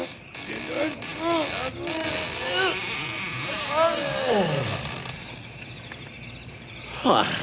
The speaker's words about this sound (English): This is the only big building in the whole town. You'll see. There. Now help me open up these big doors.